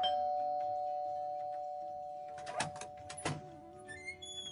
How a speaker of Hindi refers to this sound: अरे कितनी देर हो गई, घंटी बजा रहा हूँ, सुनाई नहीं देता क्या?